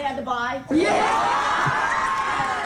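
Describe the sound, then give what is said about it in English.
A brief voice gives way to a loud, sustained burst of children cheering and whooping together, a dense excited crowd roar that holds steady to the end. “All the kids cheering him on.”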